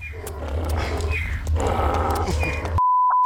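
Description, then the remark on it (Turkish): A donkey brays loudly in a long, rough, strained call while resisting and refusing to go, with hooves stamping underneath, then the sound cuts off abruptly into a steady electronic beep. “Bu eşek benden çok daha güçlü. Gitmek istemiyorlar.”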